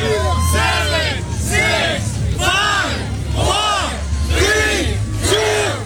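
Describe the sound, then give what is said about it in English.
A crowd of hundreds cheers and shouts in rhythmic bursts, encouraging a police chief through a one-minute challenge that ends with a chin-up. Voices swell roughly once a second in a loud, dense roar with a low rumble underneath. “Well, with hundreds cheering him on, he not only went for the full minute, but finished with what appeared to be an effortless chin-up before dropping to the ground to the cheers of the crowd.”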